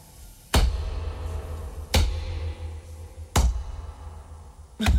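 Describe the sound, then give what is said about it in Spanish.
Four heavy, booming thuds land at a steady, unhurried pace as someone hops on one foot in a large house while going to fetch cutlery, each impact deep and forceful with a low rumble between them and no voices. “¿Pero vas a la pata coja o algo? ¿Hace ese ruido?”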